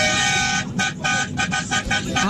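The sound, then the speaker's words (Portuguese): A car horn honks repeatedly in a run of short, loud toots, the first one held longer before quicker bursts follow, with steady background noise underneath. “Vai buzinada aí, hein.”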